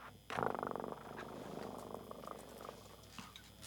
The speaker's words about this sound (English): I hear my cat purr.